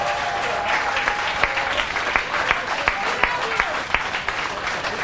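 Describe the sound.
An audience claps steadily, dense overlapping hand claps forming a continuous wash with sharp individual claps popping out, and faint murmuring voices underneath.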